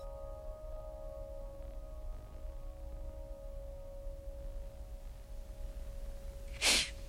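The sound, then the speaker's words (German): A single sharp, breathy gasp from someone who choked on a sip of water bursts out near the end, fairly loud, after several seconds of near-silence with a faint steady electrical tone underneath. “Dass er nicht sich verschluckt hat und so.”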